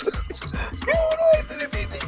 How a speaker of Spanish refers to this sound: Eso es el sonido del grillo. Cuando tú no lo oyes, no te molesta.